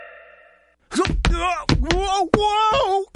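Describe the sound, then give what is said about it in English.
Someone slips and falls in a restaurant: a steady tone gives way to a series of heavy thumps and bangs, interleaved with drawn-out, wavering vocal moans and groans that rise and fall in pitch. “Sounds like someone just slipped at a restaurant.”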